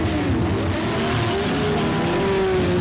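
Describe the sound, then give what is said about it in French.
A vintage 1966 Brabham BRM Formula 1 race car, number 14, driven by Joseph Sicker, roars loudly, its high-pitched engine whine climbing slightly as it revs steadily for the full few seconds, with no voices. “En septième ligne, une Brabham BRM portant le numéro 14.”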